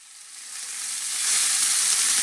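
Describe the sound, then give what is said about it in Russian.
Shashlik sizzling on a grill for the Euroopt "Grilfest", a steady crackling hiss that swells louder over a couple of seconds, bright and dense with no voices. “Слышите? Это «Грильфест» в Евроопт.”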